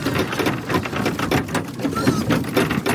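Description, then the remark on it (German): A loud, dense din of 35 black Alpine pigs squealing and grunting at once while waiting for feed, with sharp overlapping cries and constant clattering noise, unbroken throughout. “Im wahrsten Sinn, weil es so tönt, wenn 35 Schweine darauf warten, dass es Futter gibt.”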